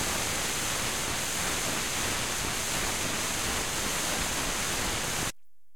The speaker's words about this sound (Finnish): Tuolta kuulostaa, kun neula menee ohi lautasesta.